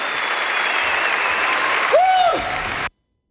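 Steady audience applause, a dense wash of clapping at an even loudness, with a brief rising-and-falling whistle near the end before the sound cuts off abruptly.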